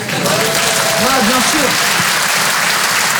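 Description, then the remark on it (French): An audience applauds to answer a question about politicians put to them by applause, a dense, steady wash of clapping that stays loud for the whole few seconds, while a voice briefly cuts through partway in. “Par applaudissement.”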